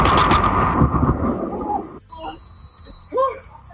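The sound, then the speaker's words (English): A loud thunderclap from a lightning strike that hit a man on Staten Island roars for about two seconds, then cuts off abruptly, leaving faint voices and a thin high tone. “A Staten Island man is struck by lightning and buys a lottery ticket in hopes for a second lucky strike.”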